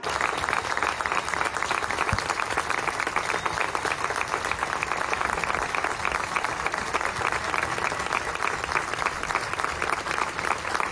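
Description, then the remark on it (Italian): Sustained applause joining the applause that broke out in Madrid's Puerta del Sol at news of the death of Mari Carmen Abascal, a dense steady clatter of many hands clapping at an even loudness for about eleven seconds, with no pauses or build. “Prima di cominciare, anche Sancho si unisce all'applauso che è partito ieri a Madrid a Puerta del Sol alla notizia, l'avete già sentita qui a Radio 3, è mancata Mari Carmen Abascal,”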